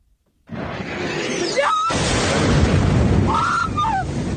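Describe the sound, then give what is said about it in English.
An explosion in Kyiv, Ukraine, in the early hours of the morning, one of many during a Russian attack with missiles and drones: a sudden loud blast that rolls into a long, heavy roar and rumble, with thin rising and falling whistling tones over it. “The sound of just one of many explosions in the Ukrainian capital Kyiv in the early hours of this morning.”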